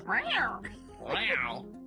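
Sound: cat meowing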